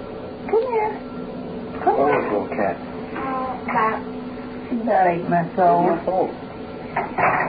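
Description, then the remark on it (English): A kitten cries over and over, a string of short, high, wavering mews in uneven bursts, fairly loud, with faint clattering noises in the background. “Oh, little cat.”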